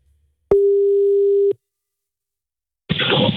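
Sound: telephone call ringing tone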